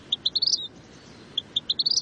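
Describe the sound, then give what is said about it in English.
Two bursts of a small bird's song, a vermilion flycatcher's quick series of high, accelerating chip notes rising into a brief twitter, clear against a soft background hiss. “So I go on Google, I'm like, vermilion flycatcher bird song. And it's a very, very beautiful whistle.”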